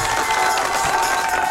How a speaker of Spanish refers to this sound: Josep. Aplauso para Josep.